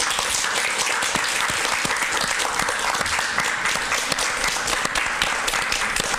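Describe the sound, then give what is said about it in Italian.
A crowd applauds a song performance steadily and loudly, many hands clapping in a dense, continuous wash of sound that holds at the same level from start to finish. “Lo facciamo, un bel applauso.”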